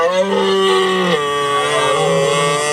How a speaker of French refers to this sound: Ça, c'est le Brame du Cerf.